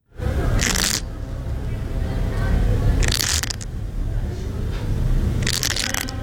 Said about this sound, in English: That little scratching sound comes from yellow-legged hornet larvae scraping against the sides of their little paper pods inside a nest, probably because they're hungry.